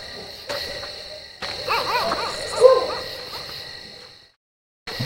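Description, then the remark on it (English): Several dogs bark and yelp on a warm night on the subcontinent, one rising into a brief mournful whine, over a steady high-pitched night drone; the sound cuts out abruptly near the end. “Good dogs.”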